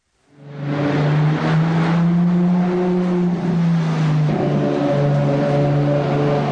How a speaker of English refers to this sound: The roar of an engine, usually accompanied by a tiny number of passenger seats and a slick exterior.